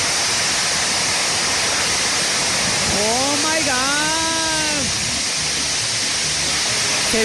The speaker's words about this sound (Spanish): Se vino buena la lluvia, oigan. A ver, ando de chismosa. Este es granizo, ¿verdad? Ah, no, lluviesota. No, sí está buena, sí está buena.